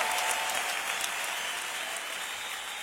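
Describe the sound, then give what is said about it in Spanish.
Sustained loud applause from a large crowd, a dense steady wash of clapping that holds nearly constant for the whole stretch with no voices standing out. “aplauso, Señor, fuerte.”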